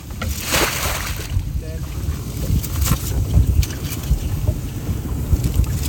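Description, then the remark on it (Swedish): The first lobster pot is dropped into the sea from a boat, one of the very first on the west coast, with one brief watery plunge near the start, followed by steady engine rumble, wind buffeting and lapping water. “Första hummertinan i vattnet.”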